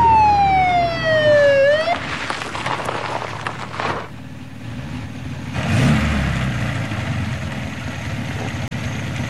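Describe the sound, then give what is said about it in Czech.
A police siren from a black-green Mercedes 220 police car with a blue warning light wails loudly for about two seconds, heard from afar, its pitch sliding steadily downward, then cuts off as the car arrives and stops, leaving a rumbling engine and broad traffic noise that swells and fades. “Postavil jsem se do dveří, protože jejich sirénu bylo slyšet už zdaleka”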